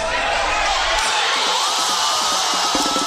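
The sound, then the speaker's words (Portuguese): A loud, dense roar of a crowd of fans in a bar in the South Zone of São Paulo, Brazil, cheering and shouting together at Brazil's first goal, in the second half against Japan; sustained, with overlapping voices filling the whole stretch and no clear individual words. “Foi assim que a torcida comemorou já no segundo tempo o primeiro gol do Brasil, que até então perdia por 1-0 para o Japão.”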